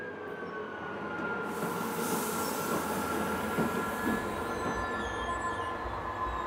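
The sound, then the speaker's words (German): The depot's oldest locomotive, an old shunting locomotive, rolls steadily along the rails while taking a modern electric locomotive to its train during rebuilding work. Its engine drones with a bright metallic whine and faint wheel squeal, fairly loud, with no voices. “Die älteste Lok aus dem Betriebswerk springt ein, um die moderne E-Lok zum Zug zu bringen.”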